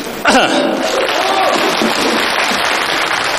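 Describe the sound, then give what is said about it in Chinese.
An audience bursts into applause, a dense, steady wash of many hands clapping that starts abruptly and holds at a loud, even level for about three seconds. “您呢，帮我鼓鼓掌，掩盖一下这个尴尬，行吗？”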